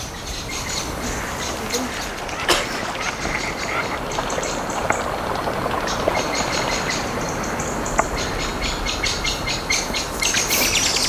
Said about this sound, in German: oh, die Amsel.